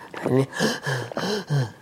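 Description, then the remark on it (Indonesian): A voice imitates the high-pitched panting that is a symptom of heat in the lungs and chest: about four quick, breathy voiced gasps in a row, fairly loud, with no other sounds around it. “Terengah-engah tapi suaranya tinggi.”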